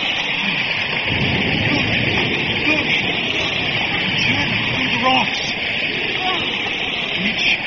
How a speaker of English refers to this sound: The rain cuts anew.